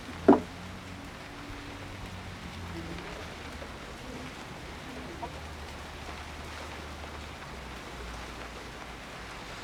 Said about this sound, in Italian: Dovrebbe smettere di piovere.